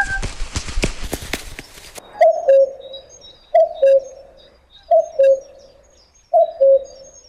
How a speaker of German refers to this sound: Ist das beruhigend, die schönen Vogelstimmen? Oder denkt ihr, hat er jetzt im Radio einen Vogel? Nein, wir haben es gerade gehört, Vogelstimmen sollen gut tun, wenn man sie hört.